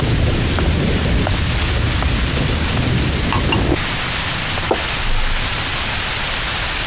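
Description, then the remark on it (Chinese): Heavy rain pours down steadily in a thunderstorm, a dense hiss with a deep rumble of thunder rolling underneath through the first half before easing off. “我在想燕双鹰被全城通缉，又遭遇这么大的雷雨，今天夜里也不知道他会住在哪儿。”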